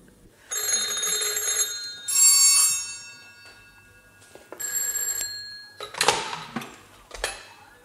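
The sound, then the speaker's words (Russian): Three telephones ring in several loud, shrill bursts, overlapping and stopping irregularly, with no voices. “Снова о трех телефонах и радио.”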